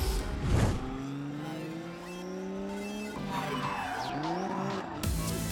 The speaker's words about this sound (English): Let's kick it into high gear as we check out some of these fire-breathing drift machines.